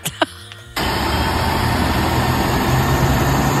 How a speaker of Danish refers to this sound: Det er en flyver.